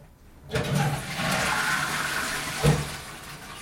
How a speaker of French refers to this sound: Tu as officiellement réussi à réparer la chasse d'eau. Alléluia, ça marque.